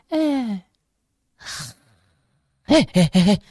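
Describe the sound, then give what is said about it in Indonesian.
A person fakes snoring while pretending to sleep: a drawn-out, falling groan-like exhale, a pause, then a short noisy snort of breath, followed by a quick run of loud, clipped vocal sounds. “Kok tidur? Apa sih? Orang gak tidur? Tadi ngorok.”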